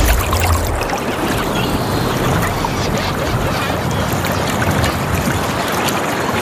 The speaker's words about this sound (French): Bah, je vous invite à avoir un petit peu de fraîcheur avec ici Cotentin. Ah, une petite pause. Oui, on y va. Une brise marine.